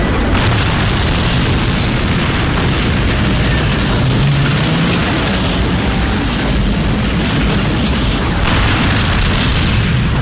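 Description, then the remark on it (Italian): A massive atomic explosion boom that swells into a loud, continuous roar of deep rumbling and crackling noise, filling the whole stretch without letting up. No voices are heard. “Che cazzo è? Un'esplosione atomica.”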